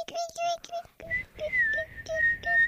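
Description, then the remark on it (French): Several children whistle and chirp in short, high, warbling bursts, imitating little birds singing, with a steady thin whistle held across the second half and breathy noise underneath. “Vous pouvez faire les petits oiseaux qui chantent, les enfants ?”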